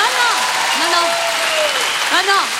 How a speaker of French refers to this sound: Merci et applaudissements pour ma meilleure amie, Anne Roumanoff.